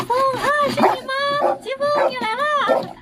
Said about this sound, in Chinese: 搜救犬在洞口趴下，并且吠叫，表示他找到目标了。